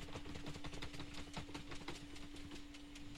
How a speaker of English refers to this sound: Can we get another drum roll? Let's get another little drum roll.